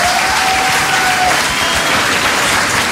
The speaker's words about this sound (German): Deswegen auch nochmal ein Applaus an euch alle, dass ihr alle hier seid.